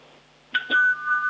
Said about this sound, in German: Das habe ich jetzt fast nicht gehört. Ich glaube, du musst das Handy ein bisschen zur Türklingel halten.